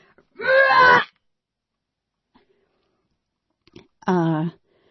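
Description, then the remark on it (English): Warped tape playback from a boombox on cold batteries: two loud, wavering, moan-like bursts of distorted voice with sagging, bending pitch, separated by about three seconds of near silence. “Yeah, it turns out that if you have a boombox and the batteries are very, very, very cold, when you turn the tape on, it sounds remarkably like a bear outside eating your cat.”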